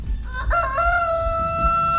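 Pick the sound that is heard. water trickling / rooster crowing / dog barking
rooster crowing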